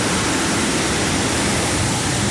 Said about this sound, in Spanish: Se oye muy gacho aquí. Se oye muy feo, perdón. Se oye muy feo la lluvia con la lámina.